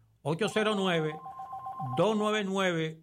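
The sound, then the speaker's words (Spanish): A radio station's telephone rings briefly, one steady electronic tone of under a second, between stretches of loud melodic voice. It sits fairly clear in the middle of the sound. “Y también nos pueden llamar directamente, así como está sonando ahora la emisora.”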